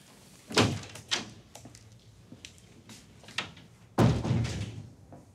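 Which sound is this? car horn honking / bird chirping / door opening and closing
door opening and closing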